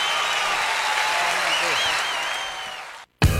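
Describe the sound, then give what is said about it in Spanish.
A large audience applauds in a dense, steady wash of clapping with a few whistles riding over it, then the sound cuts off abruptly before a short loud burst. “aplauso”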